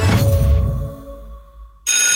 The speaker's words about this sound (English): That bell means little feeder on the move. How fast are you going? Please check your speed around schools during pick up and drop off.